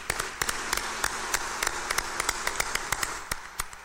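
A group applauds steadily, many hands clapping in a dense, even patter with sharper individual claps popping out irregularly, sustained at moderate loudness with no voices over it.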